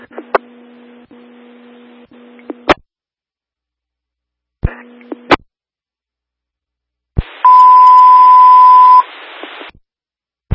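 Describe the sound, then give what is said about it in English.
A radio dispatch alert tone alerting all units for 200 Adams Avenue: two short bursts of humming radio channel open and close with sharp clicks, then a steady, piercing tone sounds for about two seconds over loud static. “All units alerted for 200 Adams Avenue.”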